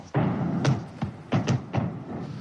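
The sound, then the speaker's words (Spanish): A series of muffled explosions from heavy firing at a military firing range behind a hill, at the largest NATO military base in Europe: about half a dozen dull booms at irregular intervals, rumbling over a steady outdoor background hiss. “¿Has oído las explosiones? Sí, justo ahí. El polígono se encuentra justo detrás de esa colina.”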